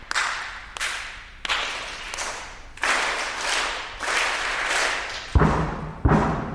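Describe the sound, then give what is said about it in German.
Two school classes in the audience at a dress rehearsal in the Alto Theater in Essen knock back at the conductor, clap their hands and stamp their feet in sharp, irregular bursts, with a few heavy low thumps near the end; loud, lively and slightly reverberant, with no talking. “Von den Rängen klopft es begeistert zurück. Zwei Schulklassen schauen ihm entgegen, klatschen in die Hände und stampfen mit den Füßen.”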